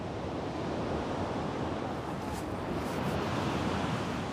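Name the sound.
sea waves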